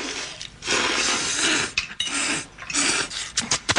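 In a scene from the film Tampopo, a class of Japanese students slurps spaghetti: long, airy slurping noises repeat in hissing bursts of a second or so, broken by short wet sucks and smacks toward the end. There is no talking.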